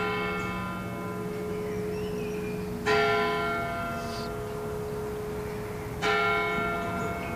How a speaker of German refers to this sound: Während die 11 Uhr Glocken der Everdinger Stadtpfarrkirche läuten, umkreisen wir die Kirche und betreten sie von der Nordseite.